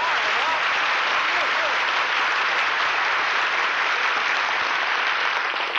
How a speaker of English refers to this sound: Gee, was all that applause for me? Yes, sir, Dennis. Every bit of it. The people are glad to see you back again.